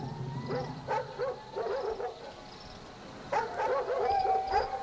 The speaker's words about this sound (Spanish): A la 7ª noche, en cuanto oyó los ladridos, salió de su casa.